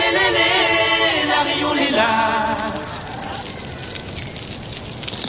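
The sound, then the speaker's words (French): Dense underwater crackling given off by corals on a coral reef, heard with the head under water and recorded by researcher Simon Élise: a continuous fizz of tiny snaps rises to dominate the second half after a tonal, harmonic sound fades out at the start. “Ce n'est pas du bacon qui frit dans une poêle, c'est le crépitement émis par les coraux quand vous mettez la tête sous l'eau.”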